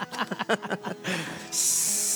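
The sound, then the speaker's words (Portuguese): A short burst of voice gives way to a steady, loud, high-pitched hiss of steam from a kettle in São Paulo, continuing unbroken to the end. “A chaleira tá aí.”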